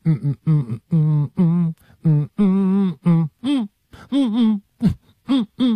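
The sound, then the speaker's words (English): A single voice hums a song melody in short rhythmic bursts of notes for listeners to guess the song, the pitch rising and falling, fairly loud with brief pauses between phrases. “Will you be able to guess what the song is?”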